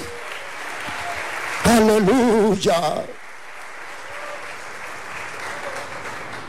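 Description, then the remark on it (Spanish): An audience claps steadily throughout, giving applause of praise to the Lord Jesus Christ, a dense sustained applause, while a loud voice briefly calls out an exclamation over it near the start. “Dale un aplauso de alabanza a nuestro Señor Jesucristo.”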